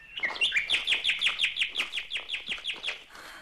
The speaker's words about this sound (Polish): Jaka cisza. I słowik śpiewa.